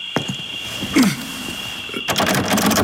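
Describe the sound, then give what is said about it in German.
A door handle rattles against the locked door of a room in a castle: a sharp click, a heavier clunk, then a burst of insistent jiggling and clattering near the end, fairly loud, with no voices. “Ich war nicht wenig erstaunt, die Tür verschlossen vorzufinden.”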